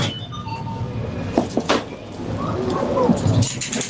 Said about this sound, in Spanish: Una máquina de dispensar, sí, alimentos, refrescos, de vending, echas pero con monedas.